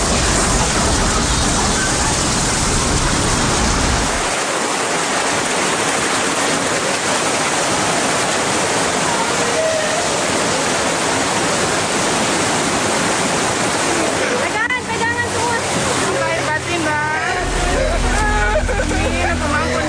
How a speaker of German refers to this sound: Da die Gegend hier sehr flach ist, strömt das Wasser bis zu 5 Kilometer ins Landesinnere. Die Flutwelle reißt alles mit, was sich hier in den Weg stellt.